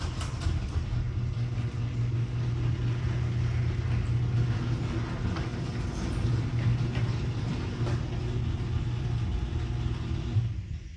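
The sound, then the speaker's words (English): A noisy garage door operates with a loud, steady low-pitched motor drone and a gritty mechanical rattle, running continuously for about eleven seconds without any talking. “Oh, by the way, everyone, this is what my garage doors sound like right now.”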